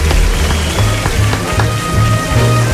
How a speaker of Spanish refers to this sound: Un aplauso para …, por favor.